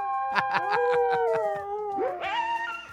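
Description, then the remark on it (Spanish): A pack of dogs howls together in long, wavering, overlapping tones, with quick rhythmic yips pulsing through the first half before the pitches rise and swell near the end. Fairly loud, no talking. “¡No más que perrerio!”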